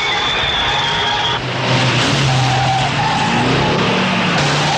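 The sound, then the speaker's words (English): Race cars roar around a track during a chase in a race, drivers steering hard, with tires squealing and skidding, a loud, dense, continuous wash of engines and no voices. “Other drivers steer hard to navigate the chase amid the race.”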